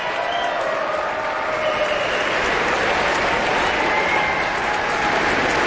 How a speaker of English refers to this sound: The audience, of course, is on its feet, applauding wildly, section by section, as the different groups of the orchestra stand up at Robert Spano's direction.